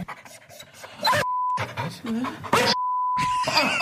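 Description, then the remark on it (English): Breathy, rapid dog panting with faint whimpers, broken up by two long steady electronic bleeps; the panting resumes loudly between them, continuous. “Well, you know what your dog is really saying.”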